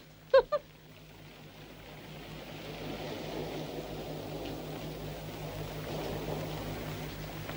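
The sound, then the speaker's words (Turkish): A boat engine drones steadily with a low hum over a wash of water noise that swells slightly; two quick sharp knocks sound at the very start. No one speaks. “Bu tekneyle buralarda bir yerlere gideriz ha?”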